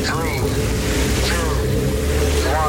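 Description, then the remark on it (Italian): A rocket engine ignition sound effect opening the radio show Gagarin on Radio Rock: a steady, loud low-pitched rumble that holds without a break, with faint voice-like chirps drifting over it now and then. “Accensione motori.”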